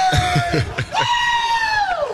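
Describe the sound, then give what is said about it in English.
Teammates shout and holler together in a locker room, one voice holding a long, loud rising yell over the rowdy chorus. “Teammates shouting him up here in the locker room.”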